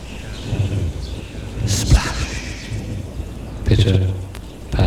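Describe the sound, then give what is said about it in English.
Steady rain patters and drips continuously, with a couple of low rumbling swells of thunder rising through the downpour around the middle and near the end. “Drip. Patter. Drop. Drip. Drop. Drip. Drop. Drip. Splat. Drop. Patter.”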